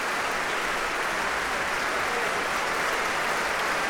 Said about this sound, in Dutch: En dit applaus is voor Guy Brownstein en voor het Concertgebouworkest. En natuurlijk ook voor dirigent Ivan Fischer. En het publiek heeft er duidelijk van genoten.